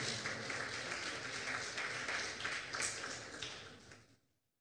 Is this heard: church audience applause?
yes